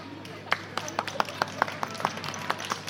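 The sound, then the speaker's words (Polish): An audience applauds a group of young women dancers on stage, clapping steadily in a quick, even rhythm, sharp distinct hand claps at about four per second, moderately loud over a faint background hum. “Brawa!”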